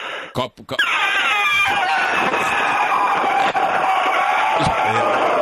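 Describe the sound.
A person imitates an elephant trumpeting: after a few short bumps, one long, loud, brassy blare holds for about four seconds, its pitch sliding down slightly at the start before staying steady.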